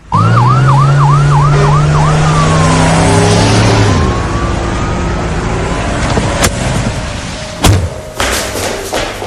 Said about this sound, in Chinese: 就在这么一光景，一辆面包警车开进了会所啊。